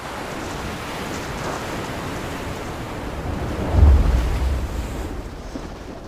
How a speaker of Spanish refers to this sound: Mal clima. Vientos fuertes, olas altas. Ya es peligroso para quienes están afuera.